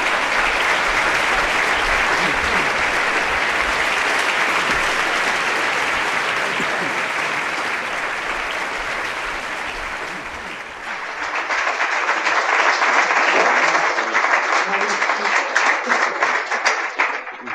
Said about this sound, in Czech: Aplaus!